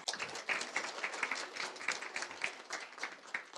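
Steady audience applause at a graduation ceremony, welcoming a current-student representative to speak: a dense wash of many hands clapping at once with crisp, rapid claps that stay fairly even in loudness throughout, with no voices standing out.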